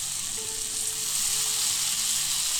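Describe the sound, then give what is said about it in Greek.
Chicken or vegetable broth is poured into a hot pan of mushrooms, spring onion and garlic paste with a loud, steady sizzling hiss that holds without a break, a low hum running underneath, and no voices. “Τώρα θα ρίξω το ζωμό. Ζωμός κότας ή λαχανικών.”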